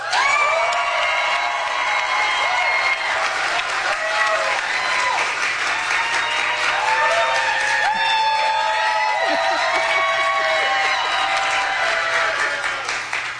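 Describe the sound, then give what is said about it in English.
A crowd bursts into sustained applause and cheering for Star Trek, dense clapping mixed with whoops and shouts that stays loud and steady for over ten seconds before easing slightly at the end. “Star Trek, round of applause.”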